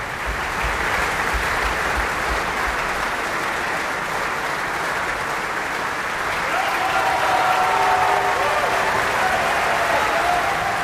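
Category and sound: crowd, opera audience applause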